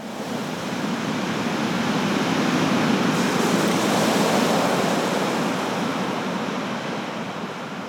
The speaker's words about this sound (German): Doch selbst hier kommt das Meer zu mir, wenn ich die Muschel an mein Ohr halte.